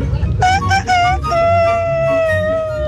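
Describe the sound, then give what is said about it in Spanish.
A person imitates a rooster's crow: three short, rising voiced notes followed by one long, sustained tone that sags slowly in pitch, sounding strained and almost like a howl. “Ese es un gallo que se está cayendo”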